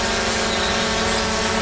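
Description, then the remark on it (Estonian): A steady, high-pitched whine of drone propellers buzzes continuously, dense and droning with no pauses and no one speaking. “Droon on kodupeegel.”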